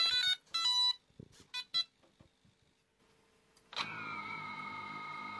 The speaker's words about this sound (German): Das Scharfstellen und das Anschalten der Drohne, das klingt dann so.